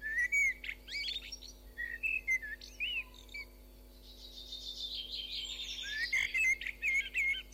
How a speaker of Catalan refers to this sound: Merla, Turdus merula. Ocell que habita al riu i a les zones humides durant tot l'any. També el podem trobar a les àrees forestals.